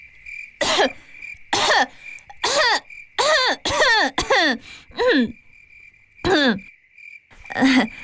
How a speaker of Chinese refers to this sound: 单说隔在墙外的张生听到了红娘的咳嗽声，便知道是红娘来了